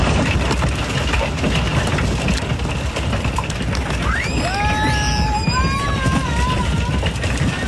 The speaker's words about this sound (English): Hail hit communities across parts of Colorado yesterday. That sound came from